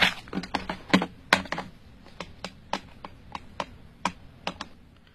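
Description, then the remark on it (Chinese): A home telephone number being dialed: a quick series of sharp plastic button clicks, about fifteen presses in an uneven rhythm, fairly soft, with no voices. “这上面不是有他的住宅电话号码吗？ 嗯，那我来打。”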